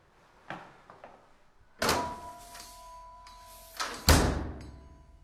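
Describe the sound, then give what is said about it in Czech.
A heavy door of an old forgotten temple being opened: a loud thunk, a sustained creaking groan, then a couple of solid thuds as it swings and settles, with no one talking. “Tak jdeme dovnitř? Ano, otevři dveře.”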